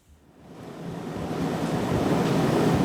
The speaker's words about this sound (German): In einem Schulungsraum des Kölner Uniklinikums rattert die Klimaanlage. Die vielen Hochgeschwindigkeitsrechner müssen gekühlt werden.